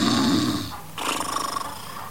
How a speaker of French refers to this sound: Oh non, pas avec le vieux chef qui est là. Oh, dis-moi, c'est lui qui ronfle, Rookie. Ouais, je peux pas dormir la nuit.